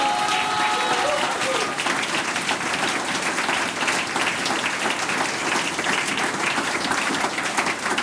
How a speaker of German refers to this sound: Radiopremiere heute für die … da aus Trofeiach. Großartig, das ist euer Applaus.